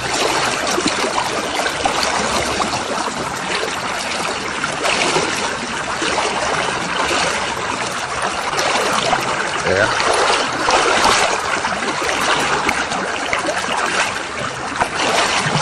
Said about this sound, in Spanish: Cruzamos el río caminando. Ya está así llegando a la orilla, ya está llegando, vea.